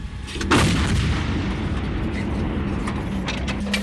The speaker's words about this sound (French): Oui, le moteur tournant, ce qui permet de s'exfiltrer au plus vite après le tir. Donc là, actuellement, le canon est réglé pour tirer à courte portée à 7 km. Notre pièce attend l'ordre de tir de notre poste de commandement batterie.